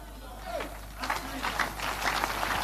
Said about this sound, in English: Give the Lord a better clap of it. I'm telling you something. Oh, man. You are going to learn to clap and get a little release, because today I'm going to come to where you are.